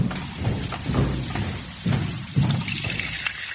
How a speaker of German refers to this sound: Schon zum zweiten Male, wie das Becken schwillt, wie sich jede Schale voll mit Wasser füllt.